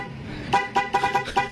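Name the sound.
car horn honking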